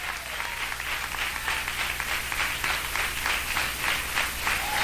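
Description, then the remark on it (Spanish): An audience in church claps its hands in praise to God: a dense, steady wash of many palms with a loose rhythmic pulse, loud and continuous throughout, with no voices standing out. “Y se da palmas a Dios, désela con todo el corazón.”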